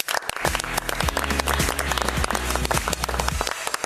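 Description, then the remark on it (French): A studio audience breaks into sustained applause for a presenter before he has even begun, dense overlapping claps at a steady, loud level for a few seconds with no one speaking. “Prends mon temps parce que c'est rare quand même, avant d'avoir commencé, de se faire applaudir.”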